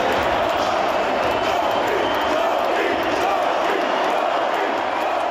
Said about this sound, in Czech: Není se proto čemu divit, když mu v domácím čtvrtfinále za stavu 6-2 proti silnému Buffalu tleskal celý montrealský setrbel. Když se zaposloucháte, uslyšíte dokonce, jak fanoušci skandují doby, doby.